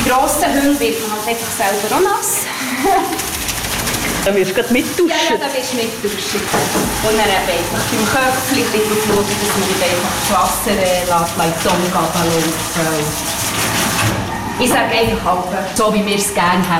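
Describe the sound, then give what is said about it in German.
Steady hissing spray of shower water runs continuously while a dog is being washed and wetted from behind, while a person talks over it throughout. “Und dann gehen wir eben mal waschen. Kann ich auch von hinten an mit annetzen, nicht einfach voll drüber ab.”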